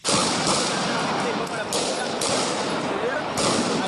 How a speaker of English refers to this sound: The skirmishes outside the Senate were triggered by a controversial private property bill. Heavily armed police fired rubber bullets and tear gas and switched on water cannon to douse protesters who threw stones at officers.